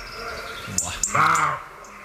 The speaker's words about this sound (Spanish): Aquí en primer término este chisporroteo, estos sonidos agudos, son de los petirrojos, que son las últimas aves que durante el día, las últimas aves diurnas que se meten en la noche.